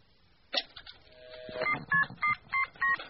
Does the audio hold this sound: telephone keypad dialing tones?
yes